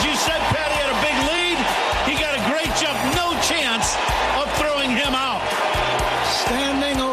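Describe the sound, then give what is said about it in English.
The crowd at Wrigley Field cheers loudly and steadily as the Cubs' Pete Crow-Armstrong steals second base for his 40-40 mark, a dense roar of many voices with repeated rising shouts and whoops riding on top throughout. “Listen to this crowd.”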